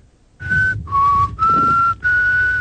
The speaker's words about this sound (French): Tu sais même pas siffler.